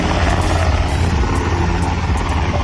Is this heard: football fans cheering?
no